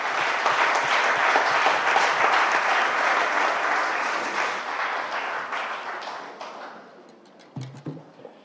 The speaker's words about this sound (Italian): Prima di questi panel facciamo un bel applauso al direttore di Civiltà Socialista per essere qui con noi, l'onorevole Fabrizio Cicchitto.